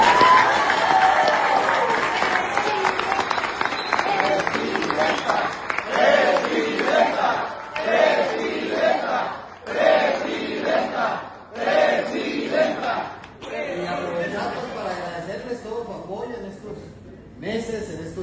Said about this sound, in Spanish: Primero un aplauso para la presidenta Claudia Sheinbaum.